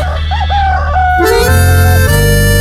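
A loud rooster crow rises and wavers, then gives way to a sustained bright musical chord, with no talking, opening the Acorda Brasil show on Rádio Menina FM 97.5, Blumenau, Santa Catarina.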